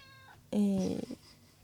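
A cat lets out a single loud meow that starts abruptly, with a drawn-out tone that drops slightly in pitch before fading.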